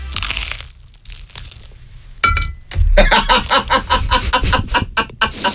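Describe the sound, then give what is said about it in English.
Loud crunching as someone bites into crusty bread spread with a lot of butter, followed by a rapid series of crisp, crackly chewing crunches that continue steadily to the end. “Anyway, this is not soft at all. Listen to the crunch.”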